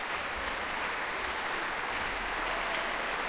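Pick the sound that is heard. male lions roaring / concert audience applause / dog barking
concert audience applause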